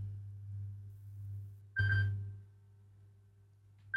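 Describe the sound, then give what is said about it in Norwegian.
A phone rings with a bright electronic tone, one burst in the middle and another starting at the very end, over a steady low hum with no one talking. “Det ringer, det ringer, hør, hvem kan det være? Hallo?”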